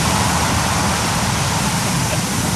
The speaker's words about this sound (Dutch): Ja, het gaat met 1 Usain Bolt naar beneden. Dus aan de teen van de dijk gaat het water 10 meter per seconde. En dat is behoorlijk hard.